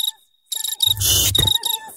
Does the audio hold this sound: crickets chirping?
yes